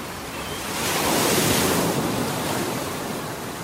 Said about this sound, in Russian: Отец видел, как мальчик взывает о помощи, но криков его уже не было слышно. Их заглушали шум ревущей воды и порывы ветра.